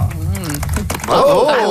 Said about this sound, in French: J'adore les petits applaudissements. Il y avait des applaudissements de golf.